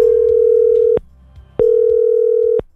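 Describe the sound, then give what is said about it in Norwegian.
Two long, steady tones of a telephone ringback signal as a radio host calls a listener who signed up for a prize giveaway, each tone lasting about a second with a short silent gap between, heard clearly with faint background noise and no talking. “Nå skal jeg ringe opp Rolf, han har meldt seg på.”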